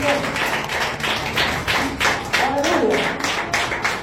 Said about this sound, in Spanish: Con un fuerte palmas a Cristo por la vida.